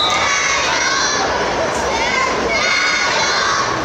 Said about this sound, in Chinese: 晚上8点，比赛开始，双方机器人激烈拼抢，看台爆发出掌声和欢呼声。